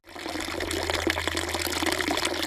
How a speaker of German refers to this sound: Ein Brunnen plätschert.